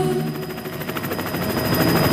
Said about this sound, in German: Hubschrauber überall, und zwar alle 10 Minuten. Die Bundespolizei übt ein kleines bisschen und sie übt Hubschrauber-Formationsflug.